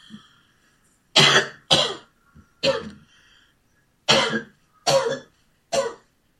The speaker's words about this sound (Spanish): Santo eres, Jesús. Santo eres. A ti te prendo esta tos.